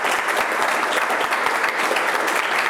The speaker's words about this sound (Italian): qui l'applauso ci sta veramente bene.